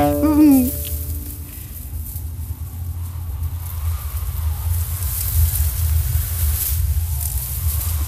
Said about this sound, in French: Elle dit la dune du désert. C'est le son tout pinceau. Tout pinceau, c'est. Et le sable, fouetté par le vent. Ça frotte, ça frotte, ça frotte, ça frotte, ça frotte, ça frotte, ça frotte, ça frotte, ça frotte.